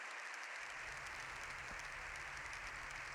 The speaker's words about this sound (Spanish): Ha vuelto a criticar la polarización, palabras de León XIV seguidas por más de 7 minutos de aplausos.